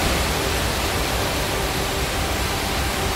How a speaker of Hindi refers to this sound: देहरादून में बेहिसाब बारिश से नदी नालों में तेज उफान है। टपकेश्वर महादेव मंदिर के पास तमसा नदी भी रौद्र रूप में है और हालात ये हैं कि श्रद्धालुओं से नदी के पास न जाने की अपील की जा रही है।